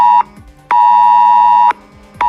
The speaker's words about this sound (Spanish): Pero desde hace 5 noches, los mensajes del sistema S-Alert no han dejado de sonar en los teléfonos móviles de decenas de miles de vecinos de la Sierra Oeste de Madrid, del Valle de Tietar, en Ávila